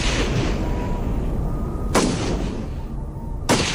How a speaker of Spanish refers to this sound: De pronto, se escuchan disparos.